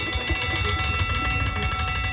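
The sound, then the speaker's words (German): A bell rings loudly and continuously for the whole moment to mark the end of the workday, a steady metallic clangor with a dense, shimmering tone and no voices over it. “Das ist die Feierabendglocke.”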